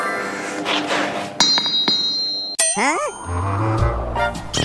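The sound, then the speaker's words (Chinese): A forging hammer taps an anvil a few times as a signal that the striker can swing, giving bright ringing clinks that linger, followed by a heavier clang and a low rumbling hum amid noisy surroundings. “这个就是信号，叫你可以砸下去了。”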